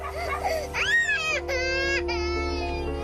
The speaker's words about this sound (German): Ich habe ein weinendes Baby in der Wiege auf dem Schlitten. Ich kann sie nicht richtig öffnen, weil der Wind weht. Aber ich muss das Baby füttern.